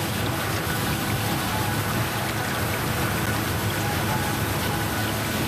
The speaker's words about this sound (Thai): กิจกรรมของเรือโดยเฉพาะเจ็ตสกีที่แล่นด้วยความเร็วสูงจะสร้างเสียงดังมากในทะเลทำให้วานที่ใช้เสียงในการนำทางหลงทิศทาง